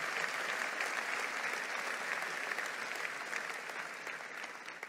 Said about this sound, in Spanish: Vamos, dale un aplauso al Señor fuerte.